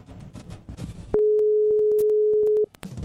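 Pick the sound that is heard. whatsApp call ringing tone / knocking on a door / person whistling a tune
whatsApp call ringing tone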